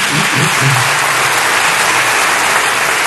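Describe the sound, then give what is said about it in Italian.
Steady, dense applause from part of the chamber (Aula) during a speech on the social rights in the Constitution, a continuous crackle of many hands clapping at even loudness for about three seconds, with a faint murmur of voices underneath. “E su quello che è un po' il cardine di questa Costituzione tuttora in vigore, quello dei diritti sociali, c'è un applauso di una parte dell'Aula, almeno per il fragore che si è sentito da qui, ma non si è vista l'immagine.”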